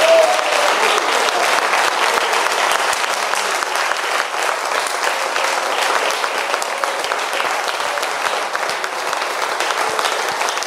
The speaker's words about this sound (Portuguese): Vamos aplaudir a Jesus por aquela vida.